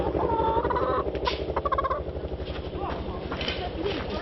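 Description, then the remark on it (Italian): A hen named Cucù cackles loudly and insistently after laying an egg, a dense run of harsh, rapid squawks and clucks that continues without pause for several seconds. “Cucù ha fatto uovo.”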